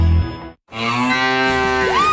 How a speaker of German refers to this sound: Finde eine der letzten beiden muhenden Müllermilchflaschen